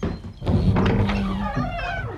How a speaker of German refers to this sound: Ich höre Schritte.